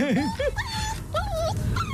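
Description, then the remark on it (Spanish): A dog whimpers and whines, a string of high, wavering cries that rise and fall with brief yips between them, over a low rumbling background. “Es lo mismo este ladrido.”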